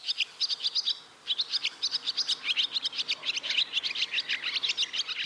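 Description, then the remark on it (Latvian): A swallow sings a fast, continuous twittering song of rapid high-pitched chirps and trills, running almost without pause apart from one brief gap near the start. “Un bezdelīgas dziesma arī ir tik ātra.”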